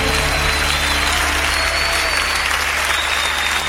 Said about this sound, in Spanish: aplauso al Señor.